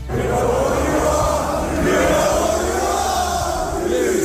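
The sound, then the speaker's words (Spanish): A huge stadium crowd at Anfield boos City in a loud, unbroken roar for several seconds, with scattered whistles rising and falling above the dense wall of voices. “Así ha recibido Anfield al City.”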